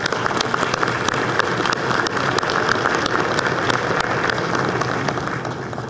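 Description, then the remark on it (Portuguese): A crowd applauds steadily, dense overlapping claps forming a continuous crackling wash at an even, loud level for the whole stretch, with no voices heard. “Eu queria pedir uma salva de palmas ao mestrinho.”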